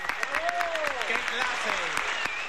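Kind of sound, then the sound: crowd, applause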